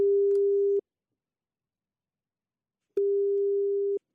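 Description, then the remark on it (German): A steady single-pitch telephone ringback tone of an outgoing call to a phone number sounds twice, each burst about a second long with a long silent gap between them, clear with no one talking. “Da kriegt er einen Zettel in die Hand gedrückt mit einer Telefonnummer und dann ruft er dort an.”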